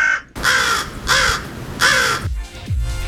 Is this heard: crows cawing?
yes